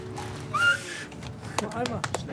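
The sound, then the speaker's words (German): A person whistles one short, breathy note that slides upward and fades after about half a second, followed by a few soft clicks and rustles. “Schlechter Pfiff.”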